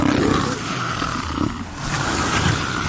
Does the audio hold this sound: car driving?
no